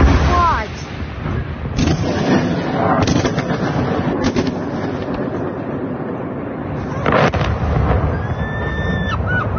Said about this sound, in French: L'Ukraine s'est maintenant arrêtée, la grande majorité des drones, elle est en difficulté face aux missiles extrêmement rapides et puissants. Vous entendiez ces explosions.